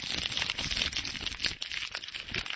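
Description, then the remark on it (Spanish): A bag of Takis snacks crinkles as it's grabbed and handled, a dense, continuous crackle of plastic lasting a couple of seconds with no talking over it. “Agarran la bolsa.”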